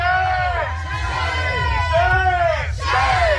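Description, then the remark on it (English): A crowd of protesters outside Te Pae Convention Centre during the New Zealand Aerospace Summit, holding signs, chants "shame" at Rocket Lab, aerospace, police and the government in loud, repeated swells of massed voices, each call rising and falling over a constant low rumble of crowd noise. “But police are easily outnumbered by protesters who are holding signs and chanting shame at Rocket Lab, Aerospace, police and the government.”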